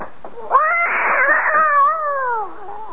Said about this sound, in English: That bloody cat. I thought I said that cat was never the...